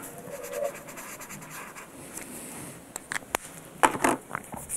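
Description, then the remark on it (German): Soft, irregular scratching of a pencil moving across paper as a watch design is sketched by hand, with short quick strokes and a few sharper scrapes toward the end, with no one talking. “Stifte, Papier und ein Zirkel.”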